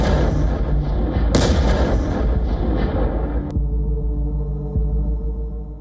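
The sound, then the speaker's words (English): A heavy, sustained blast from a FAB-3000, a Soviet-era Russian bomb weighing around 3 tons, tearing through trenches, bunkers and buildings, rumbles loudly with a deep low roar, a sharp crack near the start, then the roar cuts off and a low rumbling hum lingers as it fades. “Just a devastating blast that tears through trenches, bunkers, and buildings, leaving behind a crater where a defensive position once stood.”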